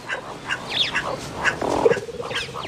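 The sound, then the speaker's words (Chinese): A short, rough growl from a big cat, directed into a burrow while hunting to scare out the small animals inside, rises for about half a second, with bird chirps and high whistles scattered throughout. No one speaks. “有一个捕猎绝招，它会对着洞穴发出低吼，把里面的小动物吓出来。”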